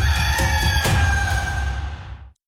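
A rooster crows once, a loud, drawn-out call of about two seconds that cuts off abruptly, with no talking.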